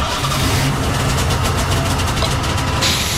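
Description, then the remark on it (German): A Golf car engine in a garage turns over and settles into a steady, rumbling idle with a continuous low drone and a faint rhythmic pulsing. No one speaks. “Ach, Entschuldigung, wie dumm von mir, der Golf ist ja noch aus.”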